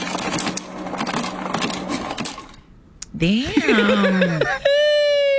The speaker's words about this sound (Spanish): Hielo saliendo de un refrigerador.